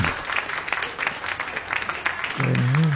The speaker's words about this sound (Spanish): Ahí va el aplauso.